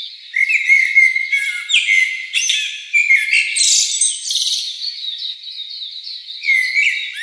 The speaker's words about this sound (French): L'itinéraire conduit ensuite les participants du jour vers le parc national du Banco, un espace plus verdoyant. À l'ombre des arbres, le rythme ralentit. Le bruit de la circulation laisse place aux chants d'oiseaux et aux sons de la nature.